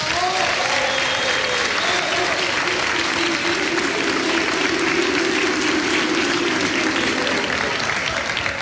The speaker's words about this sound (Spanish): Por favor, un aplauso para ella.